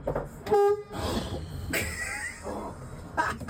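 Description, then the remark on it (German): A loud bus horn sounds once in a short, steady blast, honked from the driver's seat inside a parked bus fitted with shelves of books and games, followed by muffled rumbling and faint background noise. “Er saß direkt auf dem Fahrersitz, leider nur in der Parkposition, weil du natürlich keinen Busführerschein hast.”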